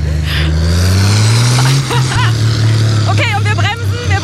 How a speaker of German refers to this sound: Ey, so geil, dieses Motorengeräusch und dieser schwarze Rauch, der da rauskommt.